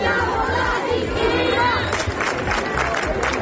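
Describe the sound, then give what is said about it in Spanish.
A large protest crowd of more than 1,000 people at Las Setas in central Seville shouts and chants together against housing speculation in loud, continuous waves, with rhythmic bursts rising over a dense roar of many voices. “Si en Sevilla más de 1,000 personas se concentraron en Las Setas, en el centro de la ciudad.”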